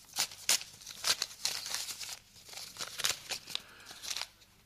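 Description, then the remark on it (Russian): A paper envelope, a packet delivered for the professor, is torn open with a series of sharp crinkling rips and rustles in uneven bursts, fairly quiet overall and with no voices. “Пакет господину профессору.”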